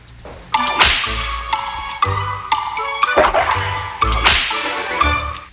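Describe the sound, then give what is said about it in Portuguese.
Several sharp whip-crack sound effects snap out loud at irregular intervals, each a bright lash with a quick whoosh, layered over a ringing musical backing with no voices. “Faz o chicote instalar, meu filho.”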